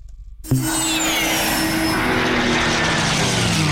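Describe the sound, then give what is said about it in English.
After a brief moment of quiet, an aircraft engine roar at the Barrington Coast Air Show at Taree Airport bursts in loudly and holds steady, a dense rumbling drone with humming tones that slowly slide lower in pitch. No one speaks. “Feel the roar at the Barrington Coast Air Show.”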